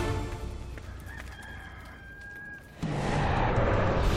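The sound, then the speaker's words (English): A rooster crows once, a drawn-out cock-a-doodle-doo, then a loud, steady rushing noise takes over for the last second or so. “Before the rooster crows tomorrow morning, you will deny 3 times that you even know me.”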